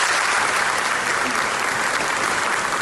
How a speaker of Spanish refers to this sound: Es el aplauso que ha recibido Nevenka Fernández al regresar a Ponferrada 25 años después.